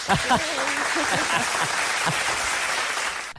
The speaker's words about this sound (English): And here we go. Applause.